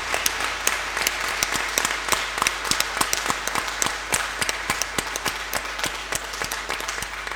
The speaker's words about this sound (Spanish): ¡Viva Santa Rosa de Lima! ¡Viva! ¡Viva nuestra patrona! ¡Viva! Le damos un aplauso a esta amiga de Jesús y amiga nuestra.